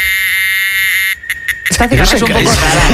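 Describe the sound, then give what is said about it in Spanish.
A Chinese cicada drones with a steady, shrill high-pitched buzz, breaking into a few quick stuttering pulses near the end before a person starts talking over it. “Esta cigarra es un poco rara, ¿eh? De todas maneras. Se ha quedado pillada la cigarra, se ha quedado pillada.”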